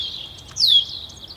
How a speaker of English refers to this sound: I continue to hear the alarm whistles of the red-winged blackbird as they establish a kind of tempo for the activities of the inhabitants in this marshland.